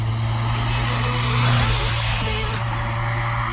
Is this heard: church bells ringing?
no